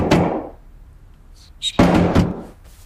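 A single heavy knock, then after a pause a quick cluster of several firm raps on a wooden door, fairly loud, with no voices.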